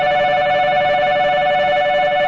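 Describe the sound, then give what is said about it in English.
A shrill train platform departure signal of the kind used on Japanese railway platforms around 1988 to signal all aboard rings out loudly and continuously, a steady high-pitched electronic tone with a buzzing, bell-like edge that holds unbroken throughout, with no voices. “When I was a student in Japan in 1988, a shrill beeping noise used to signal all aboard.”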